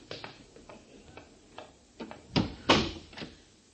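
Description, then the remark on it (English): A door is pulled shut behind people heading down steps into a dark cellar: a run of soft clicks and creaks, then two heavier wooden knocks as it closes and latches, with no talking. “I'll close the door after me.”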